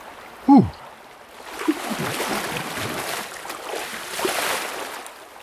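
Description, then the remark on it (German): Shallow water of the Kamp river in the Waldviertel runs steadily with a soft, continuous rushing and trickling; there is little water, only residual flow, and it is cold. A brief descending whistle-like tone sounds just before the flow. “Leider wenig Wasser hier, weil es Restwasser ist, aber dafür ist schon kalt.”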